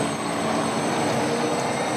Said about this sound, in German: So klingt es, wenn ein Elektrobus durch die Wiener Straßen fährt.